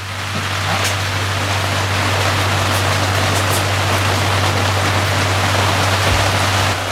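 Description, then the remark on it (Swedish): Steady, dense hiss of rain falling, loud and continuous for the whole stretch with no talking, plus a low constant hum underneath. “Och då regnade det lite grann här inne, som du kan höra.”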